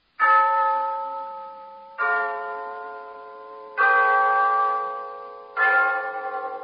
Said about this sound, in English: Yes, there's the clock in Glen Falls Town Hall, telling us it's time for Renzo's story of Big Sister.